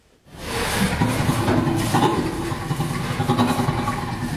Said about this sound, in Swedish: Ja, så här låter en av 140 ljudfiler som forskare har analyserat. Det rör sig alltså om inspelningar med skratt från 4 orangutanger, 2 gorillor, 3 bonobo-apor, 4 schimpanser och så 4 människor mellan 6 månader och 7 år gamla.